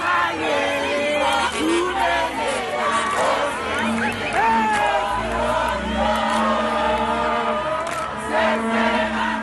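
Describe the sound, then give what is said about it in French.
A large crowd of football fans celebrates loudly at dawn in Johannesburg after their team's historic qualification, with overlapping shouts, whoops and cheering voices filling the whole clip at a steady, high energy level, plus a few sustained chant-like tones. “Qualification inédite, historique, et c'était la fête ce matin à l'aube à Johannesburg.”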